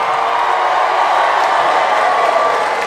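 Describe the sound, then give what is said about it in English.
Married audience members, asked to make some noise, cheer and clap at a steady, loud level for about three seconds, a dense wash of voices and hands with scattered sharper claps and no distinct speech. “Married people, make some noise.”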